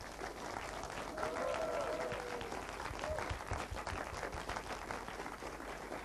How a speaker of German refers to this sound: Großen Applaus nochmal.